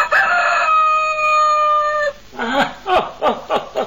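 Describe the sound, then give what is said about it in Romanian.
A rooster named Alectrio crows loudly at a castle, one long sustained call, followed by a few short clucking notes as the crow trails off. “Îl auzi, draga mea soție, pe cocoșul nostru, pe dragul nostru Alectrio?”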